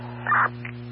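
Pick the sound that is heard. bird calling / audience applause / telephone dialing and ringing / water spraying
bird calling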